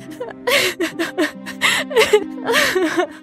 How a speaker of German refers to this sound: In diesem Moment begann die Prinzessin zu weinen.